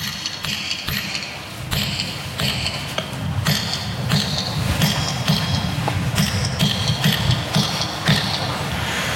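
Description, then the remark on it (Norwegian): A metal hammer strikes a chisel against stone from the Nidaros Cathedral workshops, the same stone the cathedral is built of, in a steady series of sharp, ringing clinks, roughly one or two per second, over a continuous low rumble. “Ja, og hammer og meisel, og den gangen har vi litt metallhammer, og vi kan prøve litt.”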